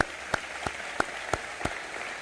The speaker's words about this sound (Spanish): Para ellos, nuestro aplauso y nuestro reconocimiento.